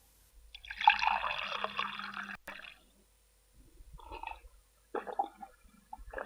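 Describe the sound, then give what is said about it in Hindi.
Water pours into a vessel in a steady splashing stream for about two seconds, then comes in two shorter, gurgling bursts after a brief pause. Moderately loud, with no voices. “माई, ओ माई, जरा पानी देना। बबुआ पानी मांग रहा है, देकर आती हूँ।”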